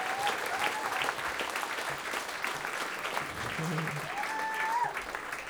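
A crowd claps steadily in dense, continuous applause, with scattered cheers and a few whistles rising over the clapping throughout.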